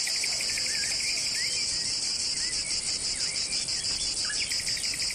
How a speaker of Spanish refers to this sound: Bueno, pues es uno de los primeros que nos viene a la cabeza porque es un sonido muy intenso, muy eléctrico, y lo escuchamos en las horas de más calor. Espera un segundito, Carmen, que vamos a escuchar el sonido de la cigarra.